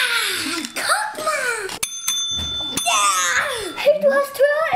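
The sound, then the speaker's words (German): A tabletop game bell is slapped once by the first player to finish building their cake tower, giving a bright ding that rings on for about a second, with lively children's voices chattering before and after it. “Wer es zuerst geschafft hat, darf auf die Glocke hauen und den anderen sein Bauwerk präsentieren.”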